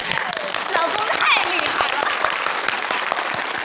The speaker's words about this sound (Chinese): 成功了， 鼓掌。